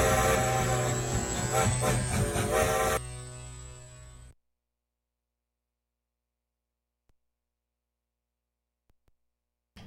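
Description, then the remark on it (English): A loud, dense train sound effect rumbles with buzzing, horn-like tones for about three seconds, then thins out and cuts off abruptly, leaving silence. “On the love train. Train with Jody.”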